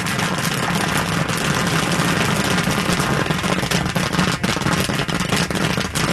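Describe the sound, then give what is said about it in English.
The engine of a 1964 Corvair classic car, driven to a cruise-in in Medina, idles steadily and loudly, a constant rumbling drone with a rough, sputtering texture and occasional sharper pops, no voices present. “start your engines for the next round of applause as I drive my classic car to a cruise-in in Medina.”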